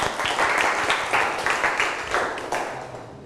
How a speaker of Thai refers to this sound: วันนี้ทุกคนเก่งมากเลยปรบมือตัวเองหน่อยครับ